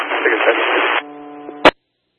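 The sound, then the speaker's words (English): A burst of band-limited radio static, then a steady electronic hum and a sharp squelch click as a two-way radio transmission cuts off, all fairly loud. “1-3 coming with left static, but clear cut.”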